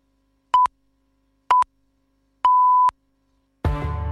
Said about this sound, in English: Come on, Pips, beep. Here it comes.